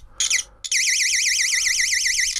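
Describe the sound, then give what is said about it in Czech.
An electrical continuity tester with contacts on each end of a roughly 30 cm sewing thread gives a loud electronic warbling beep as the thread conducts current. A short burst and a brief break lead into a steady, shrill, alarm-like tone that rises and falls rapidly to the end, with no speech. “A když na jeden konec dám jeden kontakt a přiložím druhý kontakt, tak by to mělo začít vést elektrický proud, který se ozve nějakým pískáním.”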